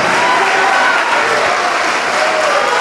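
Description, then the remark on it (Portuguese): An audience at a church service applauds steadily as people come forward, a dense wash of many hands clapping at once, loud and sustained throughout without any break. “Vem, olha, estão chegando, vamos aplaudir mais.”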